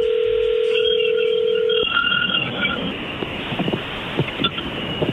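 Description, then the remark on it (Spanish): A steady telephone dial tone hums for a couple of seconds, then cuts off as the call is dialed and higher ringing tones chirp over a noisy background. “Muy bien, es más, le va a llamar el lobo, no haga ruido, ahí se está marcando.”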